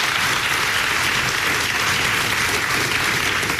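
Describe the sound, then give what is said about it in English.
An audience gives a round of applause as a presidential historian is introduced, a dense, even wash of many hands clapping at a fairly loud, constant level for several seconds with no voices on top. “So please, a round of applause for Dr.”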